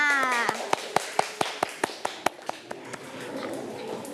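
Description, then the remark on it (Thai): Children clap for their classmates together in a quick, steady rhythm, about a dozen sharp claps that grow softer and trail off, with a brief voice at the very start. “เก่งมากค่ะเอาละค่ะเด็กๆทุกคนปรบมือให้เพื่อนๆค่ะ”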